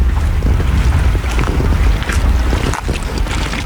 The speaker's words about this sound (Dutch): Rustig kabbelend water hier van de Grevelingen aan de Brouwersdam.